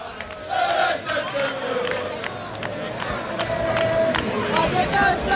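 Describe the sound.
A large crowd of English football fans, mixed with Rayo Vallecano fans, chants and shouts together at a gate in Vallecas while waiting for the Rayo Vallecano team to arrive, a dense, continuous roar of many voices with rising yells and scattered sharp cries throughout.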